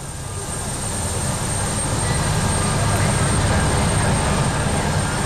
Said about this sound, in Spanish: Bueno, pues seguimos pendientes de que alcen el vuelo, nunca mejor dicho, los dos helicópteros de la Casa Real